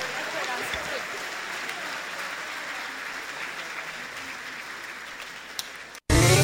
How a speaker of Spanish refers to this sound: Un aplauso para Él, bendito sea el Señor. Gracias le damos.